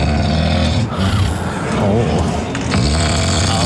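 Deep, heavy snoring recorded last night in a room in the suburb of Rabina, loud, with a continuous rough rumble rising and falling through long drawn breaths and no pauses between them.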